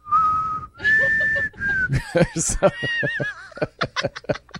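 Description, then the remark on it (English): A person whistles a few shaky, wavering notes off key, the tune faltering before it dissolves into snickering laughter and breathy chuckles. “Where she whistles, she goes...”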